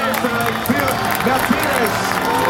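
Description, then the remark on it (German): A crowd at a Formula 1 race cheers and applauds as the winner crosses the finish line, a steady, dense roar that fills the background, with a voice talking over the noise throughout. “Und da hört man auch den Jubel im Hintergrund, ja.”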